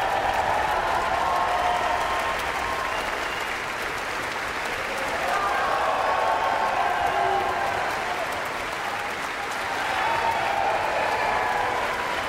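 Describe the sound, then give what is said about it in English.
A concert audience applauds the Philadelphia Orchestra and guest conductor Aileen Chan, steadily, dense clapping mixed with scattered cheers and shouts, swelling slightly and holding at a loud, even level throughout. “Huge cheers for the Philadelphia Orchestra and guest conductor Aileen Chan, who is a native of Hong Kong.”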